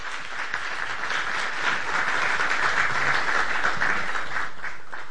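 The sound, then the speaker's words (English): A crowd applauds steadily for Assembly Democratic Leader Greta Neubauer, dense overlapping claps forming a continuous, even wash of sound that holds at a fairly loud level for several seconds with no talking over it. “Let's hear it for Greta Neubauer.”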